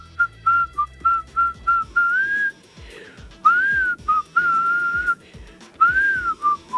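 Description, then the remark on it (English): A person whistles a catchy song melody, clipped staccato notes alternating with longer sliding phrases, clear and fairly loud over a faint, muffled background. “It's the number five whistling song.”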